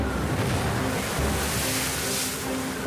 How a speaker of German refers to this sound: Wind verwandelt die See in eine Wasserhölle.